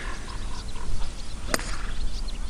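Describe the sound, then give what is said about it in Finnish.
A golf club strikes a ball off the tee for the first shot, with one sharp, crisp crack about halfway through, standing out against a steady bed of outdoor background noise. “se on pallo laitettu tiille ja nyt valmistaudutaan ensimmäiseen lyöntiin”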